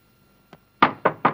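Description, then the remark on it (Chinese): Knocking on a door: one light tap, then three firm, evenly spaced knocks, loud against an otherwise quiet background. “指挥先生，开开门。”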